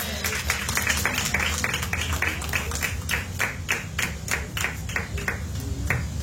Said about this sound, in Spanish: Denle una ofrenda de palmas con el Señor.